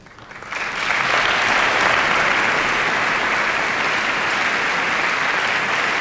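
A concert audience breaks into applause that swells within the first second into dense, steady clapping, holding loud and even for several seconds with no voices standing out.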